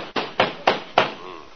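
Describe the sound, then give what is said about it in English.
Four sharp, hard knocks on a door in a quick, slightly uneven rhythm, each one loud with a brief ringing decay, standing alone without any voices. “Hey, Kingfish, I think somebody's at the door. Yeah, that certainly is a nasty knock, all right.”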